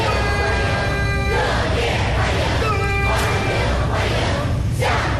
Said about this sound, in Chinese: 青少年热情欢呼致意， 热烈欢迎，欢迎欢迎。